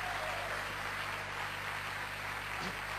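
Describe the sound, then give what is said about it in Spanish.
A crowd claps steadily for about three seconds, a dense, even wash of applause with no voices over it and a faint low hum underneath. “Fuerte el aplauso los que creen esta palabra.”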